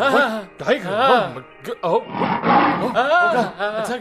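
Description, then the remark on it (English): A loud human voice imitates a tiger's roar, giving several rising-and-falling growling bursts with short pauses between them. “Even more than that, one day when he was with the guru, a tiger attacked the emperor.”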